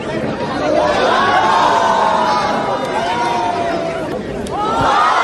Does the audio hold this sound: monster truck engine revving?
no